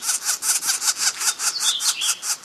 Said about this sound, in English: This young northern flicker is calling from the ground. Sound like trouble?